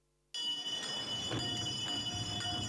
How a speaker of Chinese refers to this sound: 上了岁数的老北京人可能还记得这样的摇铃声，过去铃声一响，家家户户便拎着筐端着盆把脏土倒出来，这就是所谓的摇铃倒土。